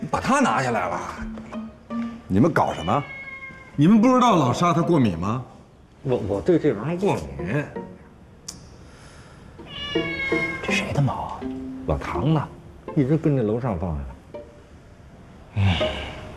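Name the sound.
cat meowing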